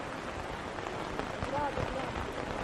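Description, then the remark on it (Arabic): Steady rain patters on a taut tent surface, a dense continuous hiss of drops overhead, with a faint voice briefly audible beneath the downpour. “نراعي شوية يكمل المطر وبعدين نتحرك، أو ما قلت يا شايخ؟”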